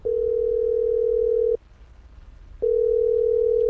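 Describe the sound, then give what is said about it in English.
A telephone ringback tone from a call to a recruiter made after landing in Moscow: two long, steady, mid-pitched rings separated by a second of silence, clear, with no voices or answer. “And when he landed in Moscow, he reached for his phone.”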